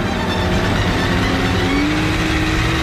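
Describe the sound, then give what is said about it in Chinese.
A speedboat engine roars loud, a steady throaty drone whose pitch climbs briefly as it races past and circles on Suzhou Creek, with no voices over it. “快艇迅速地开过去，在汪出血水的河面上转着圈。”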